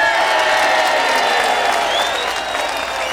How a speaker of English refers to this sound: How about a round of applause for Mr. Tom Kula?